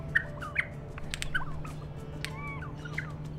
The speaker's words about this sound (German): Forschende einer australischen Zuchtstation haben 2021 herausgefunden, dass ein Trick dabei hilft, die Überlebenschancen in der freien Natur zu erhöhen. Sie spielen den Vögeln Tonaufnahmen von singenden Artgenossen vor.